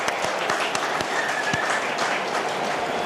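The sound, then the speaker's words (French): An audience claps steadily, a dense wash of many hands with a few sharper individual claps standing out, sustained at an even, moderate loudness with no talking. “Allez, on applaudit quand même, parce qu'on est sportif, on est fair play.”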